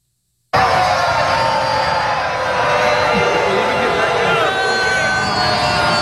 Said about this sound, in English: Crowd is just mercilessly booing him. Mercilessly.